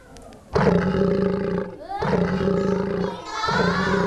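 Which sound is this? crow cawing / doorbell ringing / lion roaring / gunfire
lion roaring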